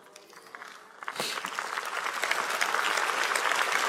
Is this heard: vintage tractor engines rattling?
no